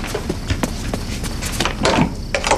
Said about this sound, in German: Elliot rannte zur Tür und öffnete sie.